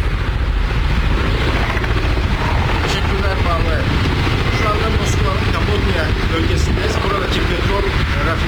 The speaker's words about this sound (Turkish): Şu anda çok sesli burası görüyorsunuz. Helikopterler şu anda müdahale ediyor olay yerine. Yardımcı söndürmeye çalışıyor.